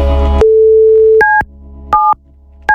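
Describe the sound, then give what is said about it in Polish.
A telephone line tone while checking whether the phone works: a click, then a steady hum that gives way to short, evenly spaced electronic beeps of a busy signal, clear with no voices. “Czy działa telefon oczywiście.”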